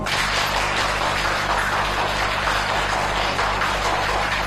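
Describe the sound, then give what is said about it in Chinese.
Steady, dense audience applause made of many overlapping claps at a community award ceremony for volunteers, holding at an even loudness for the whole stretch over a low constant hum, with no voices heard. “让我们以热烈的掌声表示对他们的祝贺。”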